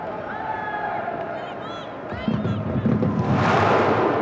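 A football stadium crowd cheers Lyon on, trying to help them hold on, with a steady broad roar and scattered whistles, then swells louder over the last two seconds as the noise builds into a rousing surge.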